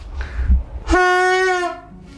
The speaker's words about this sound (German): Dienstag müssen wir Signalmittel prüfen. Fangen wir mal mit dem Signalhorn an.